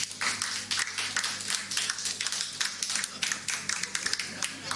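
An audience at a karaoke show claps steadily for several seconds as the show opens, many hands producing a dense, crisp patter of sharp smacks at a moderate level, with no voices over it.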